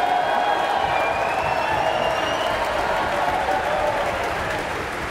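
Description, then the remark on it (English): A concert audience applauds after Ravel's Bolero, cheering principal percussionist Christopher Deviney as conductor Marin Alsop motions him to stand; dense, continuous clapping with some cheers rising above it, holding at a loud, even level throughout. “A big cheer for Christopher Deviney, the orchestra's principal percussionist, who had the demanding job of keeping an absolutely steady rhythm throughout the whole of Ravel's Bolero, as his colleagues in turn played their solo versions”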